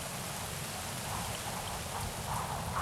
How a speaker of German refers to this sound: Regen, Wind, Nebelschicht über dem Boden.